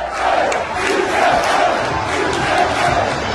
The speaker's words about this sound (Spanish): A gritos de la afición de sí se puede, el Motril pasa a la siguiente eliminatoria de la fase de ascenso a la segunda y lo ha conseguido tras empatar a cero con el Churriana en un partido en el que los motrileños sufrieron.